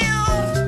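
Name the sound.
cat meowing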